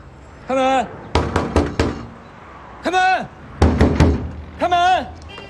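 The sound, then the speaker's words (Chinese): Loud, rapid pounding on a door comes in two bursts of several heavy knocks each, alternating with a man angrily shouting for the door to be opened. “开门！开门！开门！”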